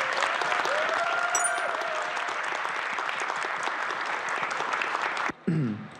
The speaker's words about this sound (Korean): 힘찬 박수 부탁드립니다.